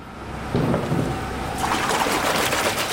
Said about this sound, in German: Nein, hier wird keine schmutzige Wäsche gewaschen. Hier werden runde, silbrig glänzende Klötze in Wasserbäder getaucht.